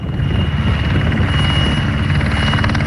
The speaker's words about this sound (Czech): Já teď stojím na letišti v Chřibské na Děčínsku, těsně u přistávací plochy, kde právě vrtulníky nabírají vodu, kterou schazují na místo požářiště.